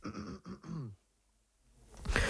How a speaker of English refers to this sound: Sorry about that, just had the occasional coughing fit, so I really hope it doesn't happen in the next 10 minutes or so when I'm talking.